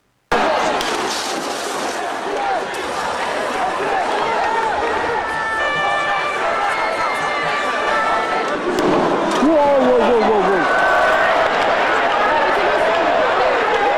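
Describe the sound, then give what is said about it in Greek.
A large, dense crowd of protesting students roars steadily in the Place de la Bastille square in Paris, France, many voices shouting and calling at once, with occasional sharp high-pitched cries rising above the continuous loud din. “Πλήθος κόσμου έχει κατακλείσει την πλατεία της Βαστίλης στο Παρίσι.”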